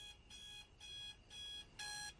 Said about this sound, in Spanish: Su despertador dice 3 a.m. y ella lo apaga con un golpe.